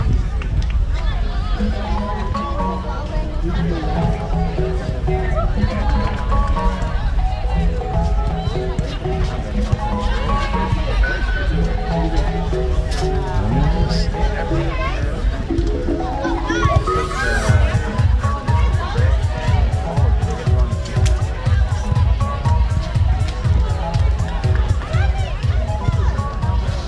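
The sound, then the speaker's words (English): Steady crowd chatter at Stanford University's Lair Q Kagan Stadium at a women's soccer exhibition match against the Pacific Tigers: many overlapping voices, children among them, forming a continuous babble at an even, moderately loud level for the whole stretch, with occasional louder calls rising above it. “really nice crowd today. Lovely crowd.”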